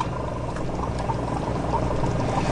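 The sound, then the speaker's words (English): Steady bubbling and gurgling of air pushed by an air pump through silicone tubes into the water chamber of a sea monkey kit, a continuous burble with no pauses and no voices. “Connect air pump to water chamber using silicone tubes.”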